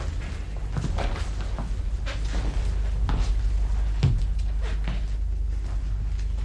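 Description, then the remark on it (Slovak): Heavy stones are set aside from beside a door with a series of dull, irregular thuds and knocks, over a steady low background rumble, with no one speaking. “A teraz už začali odkladať kamene pri dverách.”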